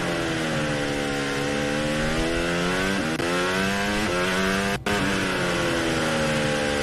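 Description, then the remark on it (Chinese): A race car engine screams at full throttle on a racing circuit, loud, its pitch climbing steadily and dipping briefly twice at quick upshifts before rising again, heading into a right-hand corner. No one speaks. “开圈油，然后是个右弯。”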